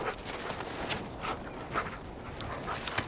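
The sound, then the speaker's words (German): A dog pants steadily in quick, rhythmic breaths, with a few faint, brief high whines slipping in between. Nobody speaks. “Das ist auch so ein russisches Ding, ne? Mit den Hunden.”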